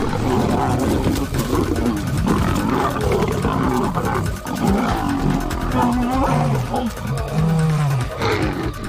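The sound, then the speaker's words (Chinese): Two male lions feeding in Africa roar and snarl loudly throughout at a lioness, a dense, continuous tangle of deep rumbling growls with rising and falling guttural tones and no pauses. “两头雄狮可以轻而易举地杀死雌狮，不过拍击和咆哮可以起到警示作用。”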